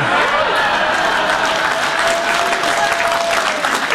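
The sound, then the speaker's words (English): Sustained applause for President Trump, a dense steady wash of many hands clapping at constant loudness throughout, with a faint murmur of crowd noise underneath. “And I know a lot of people think a king's visit is largely symbolic, but he actually got President Trump to remove the tariffs on Scotch whiskey, which earned Trump some serious applause from a prominent Democrat.”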